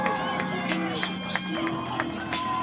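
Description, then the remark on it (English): A large Louisville home crowd at a football game, on its feet at 4th and goal with the student section bouncing on the bleachers, cheers in a loud, steady roar, with sharp bursts and sustained tones layered through the dense noise for a few seconds. “Now the Louisville crowd up on their feet.”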